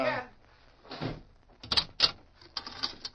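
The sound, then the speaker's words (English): A sheriff shuts a barred jail cell door on a prisoner: a rolling metallic scrape followed by two sharp, loud clanks and a lighter rattle of bars settling into the latch. “you just walk straight to that barred door”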